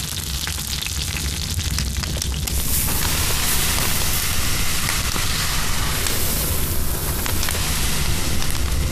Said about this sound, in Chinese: 煎到两面金黄的小鱼，放到铺撒着米糠的炭火上方，稻壳噼噼啵啵作响，烟气带走小鱼的水分，香味分子不断附着其上。